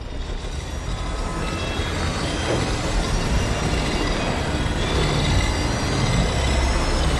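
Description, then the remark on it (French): A metro train roars steadily through an underground tunnel, a loud continuous rumble with grinding, rattling wheels and faint squeals, unbroken for the whole stretch, with no voices. “Actuellement, je fais des recherches dans les souterrains du métro.”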